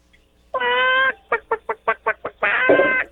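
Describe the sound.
A voice imitates a chicken in a high pitch: a drawn-out squawk, then a quick run of six short clucks, ending in another long squawk, loud.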